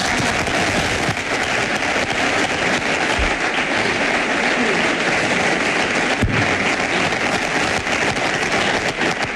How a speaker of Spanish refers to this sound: Aplausos.